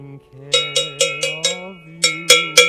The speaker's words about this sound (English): One is very exciting, and I get to ring the bell, not too close to the mic now.